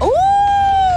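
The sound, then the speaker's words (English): A child's voice imitates a wolf howl, a single loud note that swoops upward and then holds steady for about a second before dipping slightly at the end. “Oh, a wolf.”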